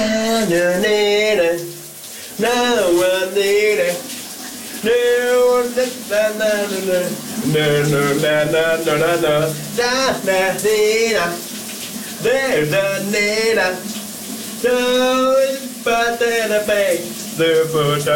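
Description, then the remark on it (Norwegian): A morning shower runs with a steady, continuous hiss of spraying water while a voice sings loudly over it, the melody rising and falling above the unbroken rush. “Vi skal i gang med et genlyt med morgenens brusebad sit.”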